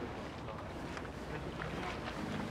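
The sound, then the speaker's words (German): A motorboat moving across the water, its steady droning engine blended with rushing water and gusty wind against the microphone, continuous throughout. “er hat das Motorboot gelenkt.”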